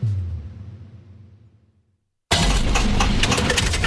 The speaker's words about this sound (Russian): Слышали? Так прощается двигатель. Коррозия, перегрев и привет, капиталка.